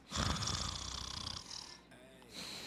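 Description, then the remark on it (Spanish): A person imitates loud snoring, a rough, rattling snore that swells for about two seconds, briefly trails off, then starts again, forceful with no words spoken. “Ya sabes, yo dije, no puedo creer que un vecino esté roncando tan fuerte, ya sabes.”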